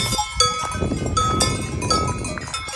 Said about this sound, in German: Und dann haben wir so Glocken der Kühe so ganz im Hintergrund irgendwo auch gehört. So klang es ungefähr.